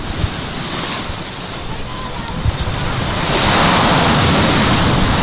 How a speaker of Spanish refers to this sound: Bueno, a ver si no nos mojamos, si no se nos moja el micro amarillo. Vamos a transmitirles con el sonido de las olas.